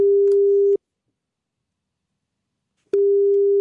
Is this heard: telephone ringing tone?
yes